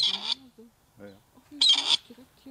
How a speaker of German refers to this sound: Dann könnte der Ruf des Rebhuhns künftig auch an mehr Orten in Deutschland wieder regelmäßiger zu hören sein.